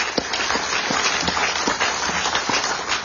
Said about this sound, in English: It takes a lot of work, and let's make sure she gets a round of applause for all the great work that she does.